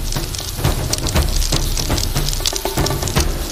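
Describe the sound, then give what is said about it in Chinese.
Chicken pieces, marinated with starch and egg white, fry in oil heated over a high flame to about sixty percent heat, with a dense, steady sizzle, full of sharp crackles and pops that stay loud and continuous throughout, with no voices. “现在开始起锅烧油，大火把油烧热吧，六成油温开始下入鸡块。”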